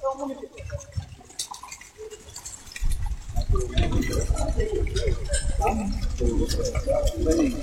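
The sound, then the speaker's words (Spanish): Water gushes from a newly installed tap at a market, starting partway through as a loud, steady splashing rush, with people's voices chattering around it. “De esta manera, entonces, Inmobiliaria Berlín cumple con la instalación de y el funcionamiento de los servicios de agua y alcantarillado aquí en esta en el mercado Mario Luis.”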